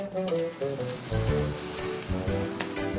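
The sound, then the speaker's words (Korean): Chicken sizzles steadily as it grills to a glossy shine, a dense crackling hiss with scattered pops and low rumbling tones running throughout, fairly loud and without any talking. “윤기 좔좔 흐르게 구워진 닭구이.”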